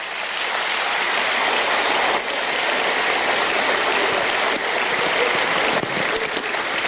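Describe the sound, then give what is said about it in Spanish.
A large audience claps steadily for several seconds, a dense, even wash of applause that stays loud throughout with no voices on top. “Fuerte el aplauso para las madres de antes.”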